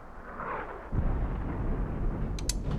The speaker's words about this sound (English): Mortar shells. It's not ours. Peacekeepers must be shelling the rebels outside the city. That's not outside the city.